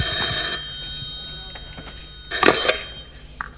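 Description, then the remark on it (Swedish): A telephone bell rings on a stage in short, loud bursts, its bright metallic trill cutting in and out over a faint hum. “Är det här det ringer?”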